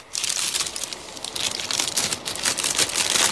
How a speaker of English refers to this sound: Now I'm going to mix everything up by pressing this little shuffle button.